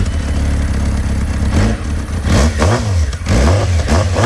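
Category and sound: vehicle, motorcycle engine revving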